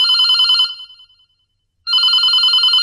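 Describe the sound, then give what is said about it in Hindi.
A telephone rings for an incoming listener call to a radio phone-in program, an electronic warbling trill in two bursts: one ring fades out, a brief silence follows, then a second ring starts loud. “और ये बात देखो हम कर ही रहे थे कि जब तक फोन आने शुरू हो गए हैं सर, तो शुरुआत कर देते हैं। जी पहला फोन लेते हैं सर।”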